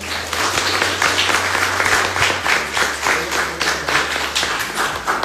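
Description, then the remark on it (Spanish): A crowd applauds steadily for about five seconds, many hands clapping in a dense, loud, continuous patter with a low steady hum underneath and no voices. “Que se escuche el aplauso.”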